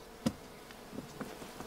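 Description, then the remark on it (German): A soft, steady drone of bees buzzing around hives, fairly quiet and continuous, with a single sharp knock early on and no voices. “Sie haben sehr eilig, die Bienenstöcke Ihres Mannes loszuwerden.”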